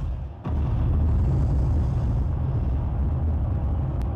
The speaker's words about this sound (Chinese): 火箭点燃引擎的声音，包括整个升空的声音是实录